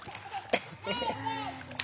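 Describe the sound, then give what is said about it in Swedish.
A couple of short, bright splashes of water, one early and one at the end, with a baby's voice babbling in between. “Plask, plask.”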